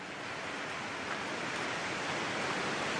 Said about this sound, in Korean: 이건 하늘에서 내린 비가 아니라 폭포에서 내리는 비입니다. 네, 가시죠! 폭포가 연출하는 비와 안개의 장막 속에 갇히면 카메라가 고장날 수 있으니 조심하세요.